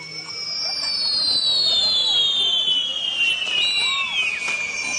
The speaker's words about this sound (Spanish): Arturo Juárez Sánchez, el artista de los fuegos artificiales.